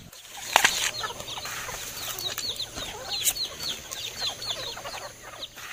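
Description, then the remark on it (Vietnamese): A flock of free-range hill chickens in Việt Lâm, Tuyên Quang province, clucks and chatters continuously, many overlapping calls, with a brief flurry of wing flapping near the start and no talking. “những đàn gà được chăn thả tự nhiên đang trở thành nguồn sinh kế của nhiều hộ dân”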